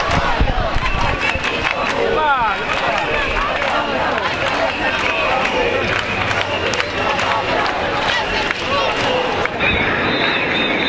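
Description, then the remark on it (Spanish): A protest crowd of about 25,000 people in Palma de Mallorca, demonstrating against overtourism of the island at a march called by the association Menos Turismo, Más Vida, roars and shouts steadily, a dense, loud wall of overlapping voices with occasional sharper yells and rhythmic chanting rising above the din. “Concretamente, porque 25.000 personas se juntaron porque estaban ya hartas y sus gritos fueron estos.”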